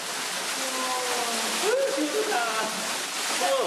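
A steady, dense rush of a waterfall falling without a break inside a cave, where it is about 13 degrees, while people's voices rise and fall faintly over the roar.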